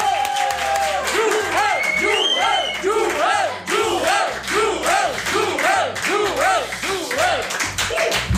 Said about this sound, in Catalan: Així, que no, suposo que ja no teniu cap dubte de qui tenim entre nosaltres, rebem amb un fort aplaudiment a Joel Díaz.